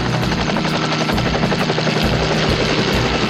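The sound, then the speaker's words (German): A helicopter engine roars as it is started up for a search from the air, its rotor beating in a fast, steady chop over a constant whine. Loud and continuous throughout, with no voices. “Währenddessen startet Tom den Hubschrauber.”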